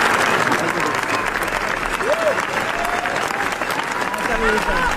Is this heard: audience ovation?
yes